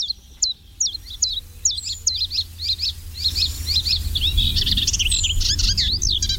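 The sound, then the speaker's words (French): A common chiffchaff sings its steady, repetitive two-note song, a long series of bright, evenly spaced chirps, with other birds chiming in near the end over a low background rumble. “Alors voilà un oiseau qu'on entend beaucoup, qui est facile à reconnaître, c'est le pouillot véloce.”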